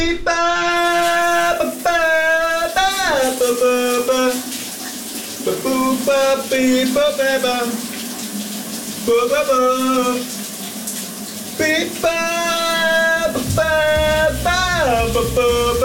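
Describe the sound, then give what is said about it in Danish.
A man sings a wordless, warbling melody in sustained phrases in the shower at home, over the steady hiss of shower water running. “Kan du høre, hvad min kollega … synger i badet her?”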